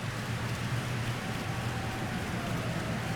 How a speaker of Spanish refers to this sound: Oye, vamos a agradecer a todas las personas que nos han mostrado ese rostro de ternura, ese amor del Padre, con un aplauso muy fuerte en este momento.